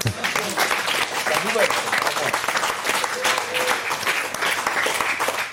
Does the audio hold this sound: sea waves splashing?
no